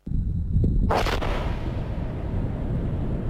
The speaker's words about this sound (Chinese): 塞北某地腾空而起一团沙尘，随着某型导弹顺利着靶、成功爆炸，火箭军某部某型装备的试验鉴定进入了尾声